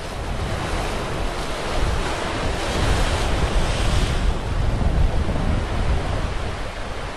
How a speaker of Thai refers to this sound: เมื่อคลื่นลมข้างบนแรงใต้น้ำก็ลำบากไม่แพ้กันกระแสน้ำรุนแรงพอๆกับพายุเฮอริเคนบนบกเลย